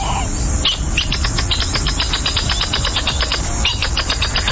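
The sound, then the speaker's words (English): A northern jacana (Jacana spinosa) gives a rapid, scratchy chatter of repeated sharp notes, steady and fairly loud, over a constant low rumble of background noise with no one speaking. “Scientific name, according to the biologist's handbook of pronunciations, Jacana spinosa. We call it the northern jacana.”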